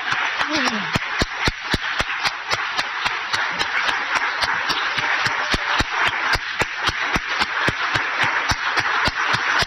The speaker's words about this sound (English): Now, I would like to invite all carers, family members, excluding the Royal Rehab staff, to please stand for a round of applause. Don't be shy.